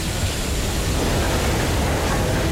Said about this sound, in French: Un métro arrive sur le quai.